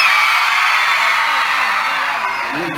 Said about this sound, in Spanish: Quiero escuchar un grito fuerte de este lado, a cuenta de tres. ¡Una, dos, tres!